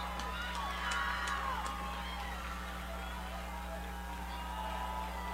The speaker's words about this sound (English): West Central's crowd trying to cheer up the offense here. Will them to a first down.